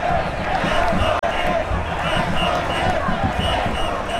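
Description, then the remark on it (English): A large, excited crowd gathered for a New York Knicks parade forming at the southern tip of Manhattan, New York, fills the air with a steady, loud roar of overlapping voices and shouts, dense and continuous throughout with no single speaker standing out. “Down at the very tip of Manhattan Island, the parade is forming and the crowd is already massive and fired up.”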